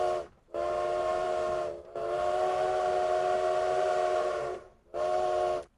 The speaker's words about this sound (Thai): รถไฟของเรานะคะรถไฟออกแล้วนะมาเป็นแบบว่าเสียงแบบดุดันนิดนึงเนาะคุณผู้ฟังเนาะ